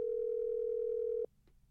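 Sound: telephone dial tone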